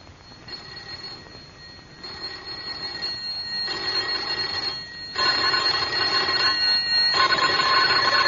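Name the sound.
doorbells ringing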